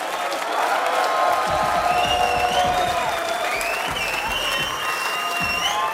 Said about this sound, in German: Applaus für alle Mitwirkenden.